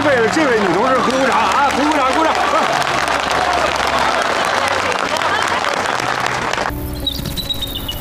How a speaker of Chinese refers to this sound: 啊，还得感谢这位同志呢，要不是他配合，挡着那个门啊，那俩人早就逃走了。 给这位同志也鼓鼓掌！